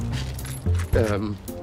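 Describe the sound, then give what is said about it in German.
Keys jangle and clink in a short metallic rattle while someone hands them over, with a voice speaking briefly over the jingling. “Na komm, gib mir die Schlüssel und ich erledige den Rest.”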